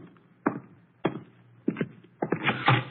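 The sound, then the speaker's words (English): Several solid knocks on a front door, first spaced singly and then coming in quicker pairs, moderately loud, with no voices. “The door, Archie.”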